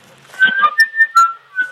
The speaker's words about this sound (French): comme ça, vivante, et on entend la mouette qui laisse des barres et crie, enfin c'est horrible. Je sais pas si vous entendez les cris de la mouette, non ?